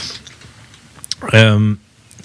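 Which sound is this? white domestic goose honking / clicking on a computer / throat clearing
clicking on a computer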